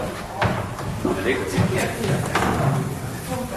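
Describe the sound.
A door thuds shut after a group of people is sent inside, with a few knocking clatters around it, while voices murmur in the background.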